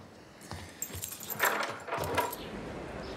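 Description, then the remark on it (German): Keys jangle and scrape against a door lock, a few bright metallic jingles and clicks spread over about three seconds, moderately loud with no voices. “Schließ die Tür ab.”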